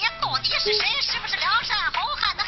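A mobile phone rings with an incoming call, a bright, warbling electronic ringtone, its sweeping tones repeating steadily and fairly loud for a couple of seconds.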